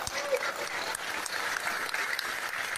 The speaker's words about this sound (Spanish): yo quisiera que le den un fuerte aplauso porque él decidió dos hectáreas para que ahí se pueda atender a esas familias que habían sido abandonadas.